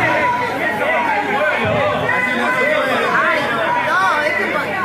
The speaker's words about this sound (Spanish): Ahí podemos ver cómo estaba todo como cercado, ¿no? La visión, la escucha del honorable Consejo Deliberante. Miren, a ver, se escuchan ahí griteríos.